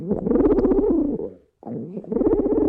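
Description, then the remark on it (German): A pigeon coos in two low, throaty, rolling phrases separated by a brief pause, with the second phrase trailing on to the end. “Hat Tyrannosaurus Rex vielleicht gegurrt, so ähnlich wie Tauben es tun?”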